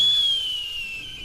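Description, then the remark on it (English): A captive falconry bird's warning call: one long, thin, high whistle that slowly slides downward in pitch, held over a soft background hiss with no talking. “That's different from a warning call, which Banassi says he doesn't expect the bird would make.”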